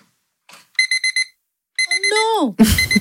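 An electronic alarm clock beeps in a quick series of four bursts, then rings again more continuously with a descending sweep, cut off by a sudden noisy rustle or clatter.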